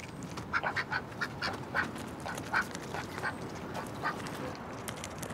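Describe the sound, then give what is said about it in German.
Pet ducks Eckart and Laoze quack in a quick run of short, nasal calls, several bunched near the start and a few more spaced out later, on a houseboat in the old harbour of Rotterdam, over a low background rumble. “Enten sind die logischsten Haustiere, wenn man auf einem Boot lebt.”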